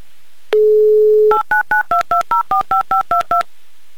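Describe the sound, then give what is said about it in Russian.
A steady dial tone holds for under a second, then eleven quick touch-tone beeps follow in an even rhythm, each a short two-pitch chirp as a phone number is keyed in for a second attempt at the call. No one speaks. “Давайте попробуем еще раз перезвонить.”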